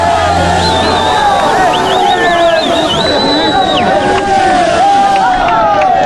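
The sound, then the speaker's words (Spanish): A loud, dense mass of fans' voices cheers and shouts in celebration of new champions amid confetti while the players sing together, wavering chant-like melodies rising over the steady roar throughout. “Hay un montón de confeti, gritos vienen, escuchemos a los nuevos campeones.”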